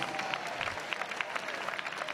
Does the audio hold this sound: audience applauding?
yes